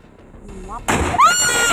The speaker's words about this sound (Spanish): ¡Ay, mató al señor! Ante la fuerte explosión que se escuchó, bien podría haber muerto el chofer.